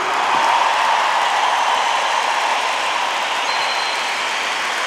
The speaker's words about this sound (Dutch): En geef een waanzinnig applaus voor het orkest van vandaag, Guido's Orchestra.